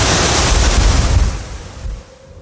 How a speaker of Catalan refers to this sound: I llavors, el vent es va aixecar de cop.